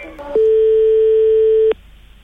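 A single telephone ringback tone while a call is placed to a proctologist's office: one steady, pure electronic beep lasting over a second, loud over faint line hiss, with no one talking.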